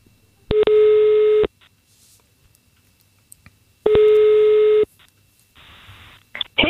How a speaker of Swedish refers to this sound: Vi ska testa att ringa upp henne.